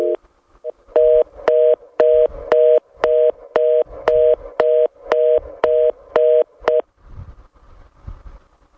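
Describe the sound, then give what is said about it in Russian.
A telephone line tone sounds as a steady series of about a dozen short, evenly spaced mid-pitched beeps, loud and alone, then stops, leaving a faint low rumble. “Господа, гудок гудит.”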